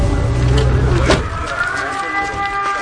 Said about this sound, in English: Is that the drone, or is that a Ukrainian Air Force? That's the drone.